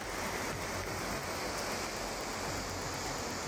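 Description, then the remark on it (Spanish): Heavy rain pours down in a dense, steady hiss, loud, with no breaks or voices, during an August summer thunderstorm in Albacete with hail, strong wind and torrential rainfall. “Bueno, esto es un clásico de agosto, tormentas de verano, por ejemplo, esta de Albacete con lluvia, granizo, fuerte viento, precipitaciones torrenciales que también hemos visto, por ejemplo, en Jaén.”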